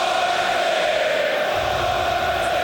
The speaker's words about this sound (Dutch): En nu een overtreding van dezelfde Björdo. En u hoort het publiek.